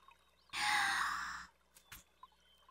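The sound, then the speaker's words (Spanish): A single forceful, loud blast of breath lasting about a second, blowing water out of the bottom of something, followed by a few faint, brief noises. No one speaks. “¡Intenta soplarla!”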